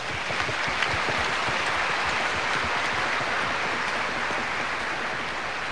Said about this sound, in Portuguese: Então vamos agradecer a pastoral carcerária e a comunidade do Socorro com uma forte salva de palmas.